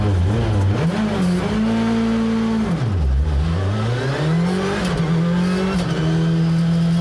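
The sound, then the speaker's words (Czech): A rally car engine revs hard, its pitch climbing and dropping repeatedly as the driver works through gears, loud and continuous with no voices. It is Václav Pech junior's rally car on a test drive near Plzeň, his last test before the Barum Czech Rally Zlín. “Do závodního auta se přitom během roku posadí jen při závodech a občasných testech a na jednu z jeho posledních příprav před nadcházejícím závodem se vydala i naše reportérka”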